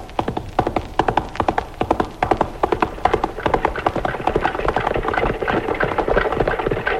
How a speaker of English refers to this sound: The first sound was galloping horses, but the last sound, what was that? Well, many people will not recognize the sound of wagons. You hardly hear it in America anymore.